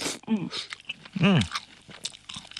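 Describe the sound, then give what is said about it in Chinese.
Chewing of canned small yellow croaker fish, headless and gutted with crisp bones, soft crunchy bites and mouth sounds over a couple of seconds, with a couple of brief hummed vocal sounds mixed in. “闻着这个味道啊，其实有的那个罐头如果做的不好，你打开之后它是那种腥，但是咱们这个全是鲜味儿啊，我替大家尝一个。”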